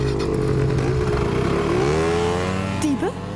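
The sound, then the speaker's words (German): Motor scooter engines rev loudly, their pitch climbing as they pull away together, a steady buzzing roar that dips slightly near the end. “Auf die Roller. Beeilt euch.”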